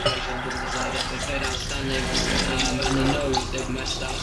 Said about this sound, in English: I think anyone who knows alcohol recognizes that sound of pouring on ice. I had always known that when I saw a glass of orange juice for my dad, it was 3/4 vodka, 1/4 orange, you know, whatever time of day it was.